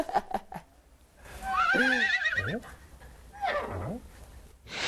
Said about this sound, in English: What is that sound? It sounds like a donkey.